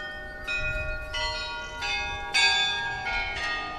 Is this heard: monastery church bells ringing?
yes